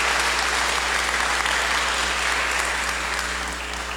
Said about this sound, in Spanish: Le damos también un fuerte aplauso de felicitaciones.